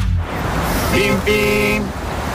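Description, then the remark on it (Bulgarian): A car horn honks twice, a short beep followed by a longer, steady blast, loud over a low background rumble. “Бим-бим! Когато колата ти се нуждае от внимание”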